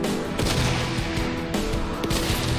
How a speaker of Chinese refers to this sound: 听到了吗？这个小的爆炸头其实就是对狙击手们的一个干扰。